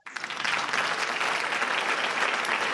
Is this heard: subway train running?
no